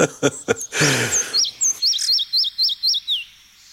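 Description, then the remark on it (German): A bird of healthy old forests sings a song strophe: a few harsh, noisy opening notes, then a quick series of about six identical high, wavering whistles, clear and fairly loud, with no talking. “Und wenn Sie also mal diese Strophe hier hören, dann wissen Sie, Sie sind im tollen Wald.”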